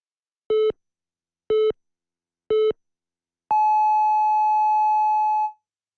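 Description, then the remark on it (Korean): Three short, evenly spaced electronic beeps at one-second intervals, then a single long, higher-pitched tone held for about two seconds, clean and loud with no voices: the hourly time signal marking 7 o'clock on the Korean news radio station YTN News FM (FM 94.5 MHz). “한국의 뉴스 채널 YTN 뉴스 FM에서 7시를 알려드립니다.”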